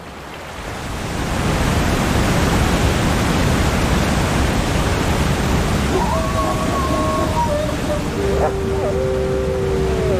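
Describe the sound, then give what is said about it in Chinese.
A loud, steady roar of a fast-flowing river swollen with snowmelt, pouring over a waterfall, fills the whole recording, with a few thin, wavering tones rising faintly above the churn toward the end. “可是冰雪融水的汇入导致河流水量大增，水流湍急，绝望的寒角驼鹿拼命想游到对岸，但很快被河水吞没。”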